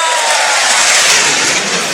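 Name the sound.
airplane flying past overhead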